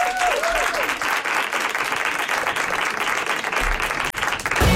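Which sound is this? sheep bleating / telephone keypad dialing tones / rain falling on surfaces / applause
applause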